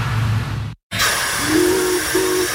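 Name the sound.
steam locomotive hissing steam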